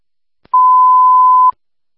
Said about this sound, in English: Hold up, panic alarm 7720 with Belfast.